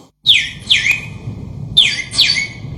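A sparrow chirps four times, in two quick pairs of bright, high tweets separated by a short pause, over a low rumbling background.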